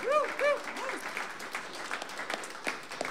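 An audience claps steadily for a few seconds, with a couple of high, swooping whoops or whistles at the start before the applause carries on alone at moderate loudness.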